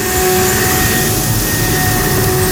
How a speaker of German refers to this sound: Die Laubbläser sind wieder da.